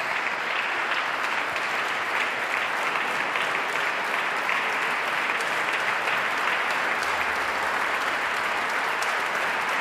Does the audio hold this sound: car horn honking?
no